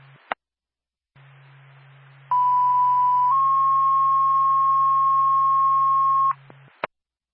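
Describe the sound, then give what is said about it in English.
A two-tone dispatch radio page alerting the Whitefield fire department to a fire alarm activation: one steady beep tone shifts to a slightly higher, longer held tone, loud and clear over a hissing radio channel, framed by squelch clicks at start and end. “Whitefield Fire Department, stand by for tow.”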